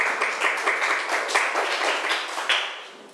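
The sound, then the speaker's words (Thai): A class of students claps steadily for about three seconds for a classmate who comes forward to present first, a dense patter of many hands at even loudness with small swells, and no voices over it. “ใครอยากจะออกมาเป็นคนที่1เลยมีไม่เอ่ยใครอยากจะออกมาเป็นคนแรกเลยเชิญค่ะปรบมือให้เพื่อนหน่อย”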